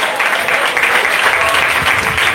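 An audience applauds loudly and steadily, a dense wash of many hands clapping at once that holds an even level throughout, with no voices standing out above it, giving applause to the Lord during an afternoon church sermon.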